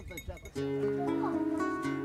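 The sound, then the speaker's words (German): A flock of sheep, guarded by a shepherd and his dogs, bleating together with bells clinking among them, fairly loud, following a brief stretch of voice at the start. “Pech gehabt, es gibt nur Schafe.”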